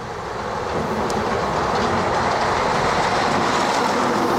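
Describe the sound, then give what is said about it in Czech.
A small red diesel railcar of the Hurvínek type rumbles steadily along the track, wheels clattering in a dense, continuous roar, with no voices. “Ano, je to prostě červený motoráček, dřevěné lavice a k ta vůně spáleného benzínu.”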